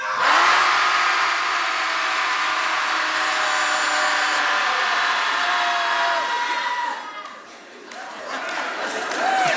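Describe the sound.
A group of people in Portland yells together after a count of three, letting it all out in one loud, sustained roar of overlapping voices for several seconds, briefly trails off, then swells again near the end.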